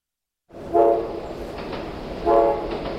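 A train rumbles past with steady mechanical noise while its horn sounds two short, loud blasts about a second and a half apart.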